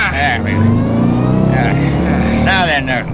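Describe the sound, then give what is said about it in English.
A loaded truck's engine revs with a loud, steady low rumble and climbs as the vehicle pulls away, while voices briefly talk over it. “Get in the truck.”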